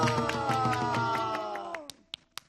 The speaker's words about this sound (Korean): 박수